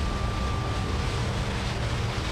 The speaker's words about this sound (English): Volcanoes emit a range of gases. When you have an erupting fissure, there's so much gas coming out so forcefully, it can actually sound like the roar of a jet engine.